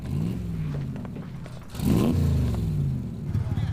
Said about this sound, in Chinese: 您看看吧，报纸登着这审夜摩托车队严重扰民，这媒体啊说咱们工作不力。